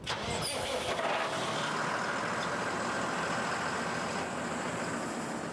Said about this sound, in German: Etwa diesen 12 Tonnen schweren Traktor. Er ist dick gepanzert, damit Blindgänger ihm und damit den Insassen nichts anhaben können. Und wir haben hier eine Kabine oben, die derzeit 3000 Kilo hat.